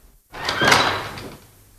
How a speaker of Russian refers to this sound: Может, дома нет? Дверь толкни.